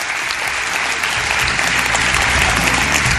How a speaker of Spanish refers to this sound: De nuevo saludo a toda la gente que estáis aquí en el Teatro Ramos Carrión y que se sienta de nuevo ese aplauso para saber que estamos ahí vivos, con ganas en este mundo todavía.